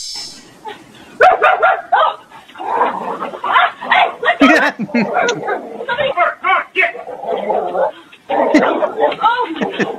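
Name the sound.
dog barking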